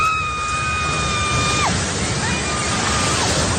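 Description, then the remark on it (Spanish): A building collapses after an earthquake in the city of General Santos on the island of Mindanao, a loud, steady roar of crashing debris, while two high, sustained wailing tones ride above the noise and slide sharply downward, one after the other. “Sonido del derrumbe de un edificio en esta ciudad donde se han vivido momentos de tensión y donde los servicios de emergencia trabajan a esta hora en búsqueda de heridos y de posibles fallecidos debajo de esos escombros.”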